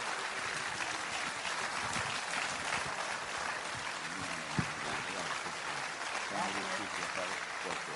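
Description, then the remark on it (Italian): Sustained applause from a crowd at the Festa dell'Unità in Rome, given for the mayor of Rome, a dense steady wash of clapping lasting the whole stretch, with faint voices murmuring underneath and one sharper clap standing out midway. “Io farei un grande applauso al sindaco di Roma per l'impegno che ha messo.”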